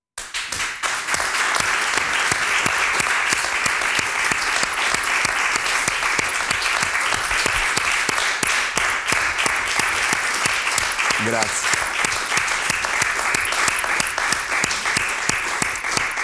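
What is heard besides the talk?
audience applause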